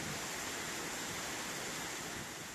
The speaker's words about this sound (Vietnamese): Làng du lịch sinh thái cộng đồng Ano có 3 thác nước liên hoàn với độ cao từ 8m, 60m và 120m. Những tảng đá xù xì muôn hình vạn trạng, nước tung bọt trắng xóa, trông xa tựa suối tóc mềm mại của đại ngàn Trường Sơn.